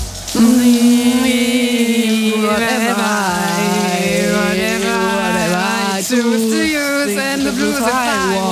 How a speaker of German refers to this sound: Deswegen hören wir noch mal weiter rein unter die Dusche.